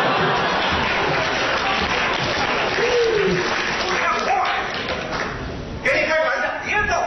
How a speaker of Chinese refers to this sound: 能不认得您吗？ 你认识我？ 大家这鼓掌就看出来了，对您非常熟悉。